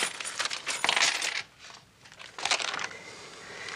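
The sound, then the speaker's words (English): Coins, keys and a watch, a person's returned belongings, are set down on a counter in two metallic clattering bursts, jingling and scraping, with a brief lull between them and no voices. “Your watch, your keys, $14.75. Check it, please.”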